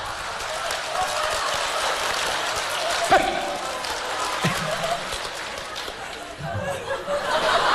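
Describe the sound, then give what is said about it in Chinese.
Steady crowd applause fills the whole stretch, a dense crackling wash of clapping with scattered laughter and voices mixed in, holding at an even loudness throughout. “哎，掌声热烈，俩演俩小品啥的。”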